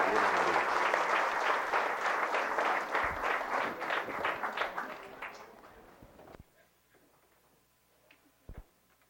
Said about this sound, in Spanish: Damos aplausos a los novios. Felicidades.